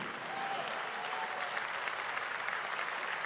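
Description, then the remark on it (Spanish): Steady audience applause, a dense continuous patter of many hands clapping at an even, fairly loud level throughout, with no voices standing out. “No, este aplauso no.”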